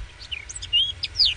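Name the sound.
birds chirping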